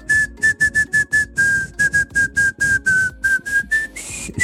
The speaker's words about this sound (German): Jetzt musst du dir vorstellen, ich finde das ja voll schwer, alles in einer Tonart zu pfeifen, aber der Hit, um den es geht, wäre...